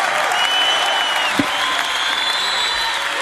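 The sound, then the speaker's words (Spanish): A crowd claps steadily throughout in applause to the Lord, a dense wash of applause holding at an even loudness, with a single sharper clap standing out midway and no voices over it. “aplauso al Señor.”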